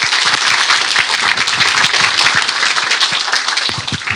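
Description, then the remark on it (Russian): An audience applauds steadily after a lecture on dark matter, a dense, even wash of many hands clapping at once for several seconds, with a few sharper individual claps standing out from the mass. “Ну что же, вы уже своими аплодисментами выразили отношение к этой лекции, как всегда, блистательно.”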